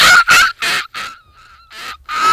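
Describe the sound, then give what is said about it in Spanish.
A female first-year student imitates a seagull with a run of loud, harsh, squawking cries in quick bursts, broken by a thinner, quieter whining note in the middle. No talking. “Muy, muy de gaviota, la respera esa que le sale, muy de gaviota ya viejita, ¿no?”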